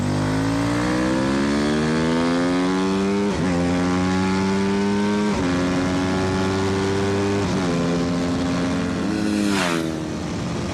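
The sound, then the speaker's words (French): A loud racing motorcycle engine screams upward through several quick gear changes, each rise in pitch cut by a brief dip, then winds down as it brakes near the end. No voices. “Et puis, le freinage et d'une progressivité, c'est vraiment l'école de la moto de course, quoi.”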